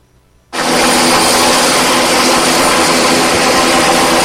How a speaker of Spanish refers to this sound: El rugido de las aspas anuncia que la ayuda ha llegado. Dos helicópteros Cóndor de la Secretaría de Seguridad